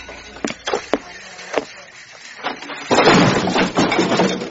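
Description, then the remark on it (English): A door falls off and crashes down: a few sharp knocks and clattering thumps, then a loud, sustained rattling crash lasting over a second, with no one talking. “Did you see that? The door fell off.”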